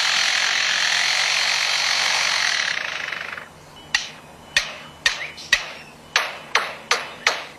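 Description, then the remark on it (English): A lyrebird that has been living near a construction site mimics construction noises: a steady, broad buzzing like a power tool for about three seconds, then a series of sharp, ringing knocks like hammer strikes at an uneven pace. “This is a lyrebird. That's been living near a construction site and has learned to mimic construction.”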